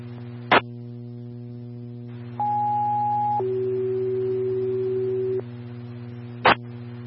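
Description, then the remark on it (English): Farmington fire dispatch radio alert tones for Engine 4, sent out for a child locked inside a vehicle: a steady high beep for about a second, then a longer lower tone, framed by sharp radio key-up clicks over a constant low electrical hum. “Farm attendant four, stand by for tone.”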